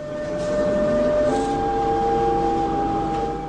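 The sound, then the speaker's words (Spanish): A subway train pulls into a station, its motors whining in steady, shifting tones over a loud rumbling hum, with no voices heard. “ahí arribamos a la estación del subte 70 Lapson”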